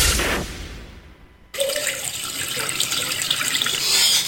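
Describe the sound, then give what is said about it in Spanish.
Water gushes from a tap in a steady, full hiss that starts abruptly about a second and a half in, following a short fading whoosh, and keeps running loudly to the end. “Cerraste todas las llaves, pero tu medidor sigue girando.”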